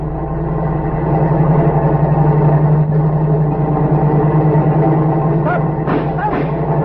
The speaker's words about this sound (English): Wait, there's a car coming. Without lights.